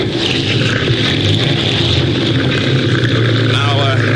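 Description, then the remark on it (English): A new outboard motor on a boat runs steadily and loudly throughout, a continuous low drone with a rough, sputtering rumble and a hiss of churning water over it. “You think a guy who spends $500 to $600 for a new outboard motor would learn how to fasten it on his boat properly?”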